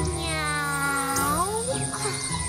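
A cat lets out a long, drawn-out yowl, its pitch sliding up and then down across a couple of seconds. The cry is loud and steady, with no talking.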